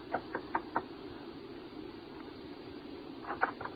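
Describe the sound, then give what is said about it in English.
A man knocks on the door of a woman's suite in the evening: four quick knocks, a pause, then another brisk cluster of three knocks, all moderately loud over a low steady background hum. “And White knocked on the door of her suite the following evening.”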